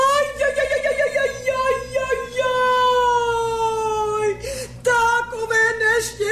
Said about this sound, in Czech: Bože, bože, proč si mě potrestal? Proč pláčeš, dobrá ženo?